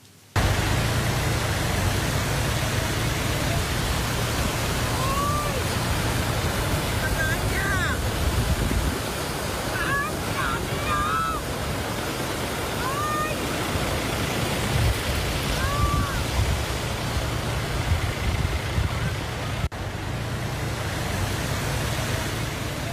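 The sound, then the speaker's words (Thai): Rushing floodwater in a flooded area of Chachoengsao, Thailand, heard from a Thai PBS van driving through the fast current, pours in a steady, loud, unbroken roar over a low droning hum, with a few faint, brief chirping sounds scattered through the middle. “แล้วเข้าไปในพื้นที่ฉะเชิงเทราท่ามกลางกระแสน้ำไหลเชี่ยวไปดูบรรยากาศบางช่วงบางตอนครับ”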